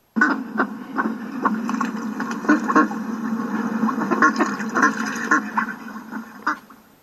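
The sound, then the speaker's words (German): A steady stream of quacking from a mother duck living on a farm, repeated short calls at an irregular rhythm, clear, over a low continuous background murmur, with no talking. “Es war einmal eine Entenmutter. Sie lebte auf einem Bauernhof.”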